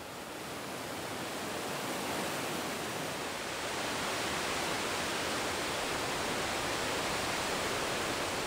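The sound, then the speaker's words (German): A steady, loud roar of rushing water shooting toward the Devil's Bridge fills the whole stretch, dense and unbroken like a torrent, with no voices over it. “Die Zuschauer strömen, das Wasser schießt zur Teufelsbrücke.”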